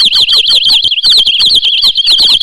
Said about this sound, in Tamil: அக்கா அக்கா, அங்க பாருங்க, பறவைகள் எம்பிட்டு இருக்கு இந்த மரத்துல. ஆமா பிள்ள, அதோட அது எழுப்புற சத்தத்தை கவனிச்சியா? கவனிச்சேங்க்கா, மனச மயக்கிற இசையாட்டம்லாம் இருக்கு.